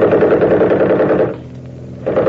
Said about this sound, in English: The minute I open up with the rifle, smack them with the machine gun.